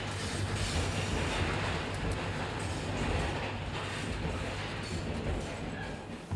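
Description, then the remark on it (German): A passenger train rumbles steadily across the 198-metre-high railway bridge over the Tara in Montenegro, a dense, continuous low roar with faint rattling of rail cars, loud throughout with no voices. “Diese Zugstrecke könnte es mit dem Schweizer Glacier-Express aufnehmen.”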